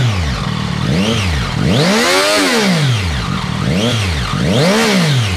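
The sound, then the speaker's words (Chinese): A motorcycle engine revs hard through its exhaust, loud, climbing and falling in about five quick surges, idling roughly between blips, no one talking, as traffic police in Chengdu check whether its exhaust has been modified on the Third Ring Road inner auxiliary road at Liuli interchange. “我们看他那个排气改过没有，听下声音。”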